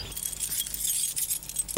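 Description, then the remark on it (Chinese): Bright metallic jingling of a bunch of keys as they are handed over, a continuous clinking rattle for a couple of seconds, ending with a slightly sharper jangle; no one speaks. “你不给我钥匙，我怎么送啊？”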